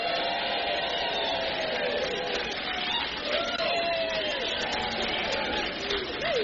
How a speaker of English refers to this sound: As you can hear, there's a great buzz in the room with a full house, a brilliant lineup of guests and musicians, and a fantastic house band ready to keep the music flowing all night.